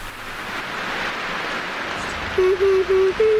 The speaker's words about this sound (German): Hör mal, wie es regnet.